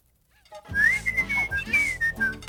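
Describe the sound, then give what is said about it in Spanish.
A tea kettle whistles loudly and shrilly while heating water for a cup of tea, its high steady tone wavering slightly in pitch for about two seconds over a rumbling, hissing background. “Pero hasta la tetera podía silbar.”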